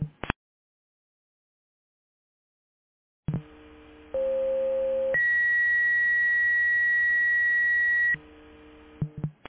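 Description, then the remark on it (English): Dispatch pre-alert tones over a radio channel for a fire alarm call at an active living facility on Southwest Frontage Road, Canyonville: a short burst, then a steady lower tone for about a second, followed by a longer, higher sustained tone, with static hiss and clicks around them. “Pre-alert, fire alarm, Harmony Active Living, 200 Southwest Frontage Road, Canyonville.”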